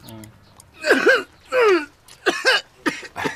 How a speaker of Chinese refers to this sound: 哎哎哎，你老咳嗽什么呀？